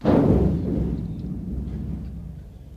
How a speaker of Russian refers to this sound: И это был не гром. Это были первые страшные звуки войны. Было раннее утро 22 июня 1941 года.